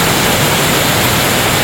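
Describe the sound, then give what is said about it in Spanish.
Heavy rainfall pours down in a dense, unbroken hiss that spans the whole clip, loud and steady with no individual drops or voices standing out. “Esta sí que es lluvia por Rosita.”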